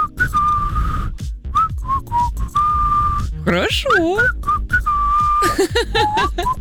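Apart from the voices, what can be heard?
person whistling a tune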